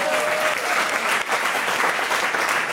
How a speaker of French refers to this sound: Quelques applaudissements me remonteraient le moral.